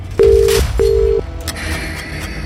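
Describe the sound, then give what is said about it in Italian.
Two short, steady mobile phone tones beep one after the other, loud and clear, followed by a low murmur of background noise with no more tones. “Se avete votato i 90, fissate il vostro cellulare, il vostro smartphone, potrebbe suonare da un momento all'altro, pronti a urlare 90.”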